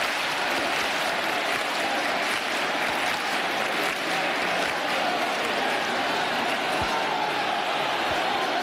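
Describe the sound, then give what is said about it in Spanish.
A large crowd of hundreds of thousands claps steadily and continuously for several seconds, forming a dense, even wash of applause with a faint murmur of voices, welcoming the Sin Pecado as the Virgen del Rocío procession begins in the village of El Rocío. “Escuchamos las palmas también para recibir al Sin Pecado.”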